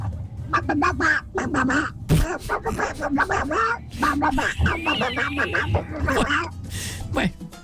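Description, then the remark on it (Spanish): A person imitates a duck, letting out a rapid string of nasal, buzzy quacks, loud and continuous for several seconds with only brief gaps between squawks. “Hablo como un pato.”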